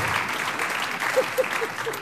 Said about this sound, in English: … on drums. … on the bass. Let's applaud that again.